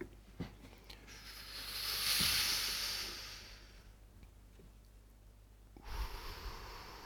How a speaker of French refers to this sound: Expiration. On inspire. Et on expire. Et on expire. On inspire.